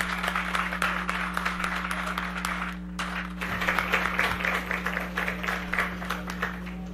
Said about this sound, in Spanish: Pero más fuerte el aplauso para …. Y gracias por esa demostración de cariño con ese tema musical. ¡Fuerte el aplauso, …!